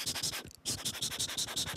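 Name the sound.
pencil writing on paper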